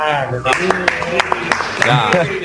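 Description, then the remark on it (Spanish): A series of sharp hand claps, about eight, struck in a fairly steady rhythm under a continuous voice that keeps going throughout; the clapping shows how the Argentina players clap with each ball their goalkeeper Dibu saves. “Después, yo con cada pelota que ataja el Dibu y los jugadores aplauden de esta forma.”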